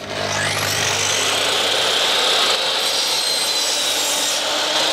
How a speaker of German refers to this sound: Dann schmeißen wir doch mal die Säge kurz an.